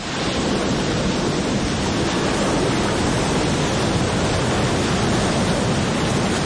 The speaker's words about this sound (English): French composer Claude Debussy was fascinated by the ocean. As a boy, he loved watching waves crash on the shore.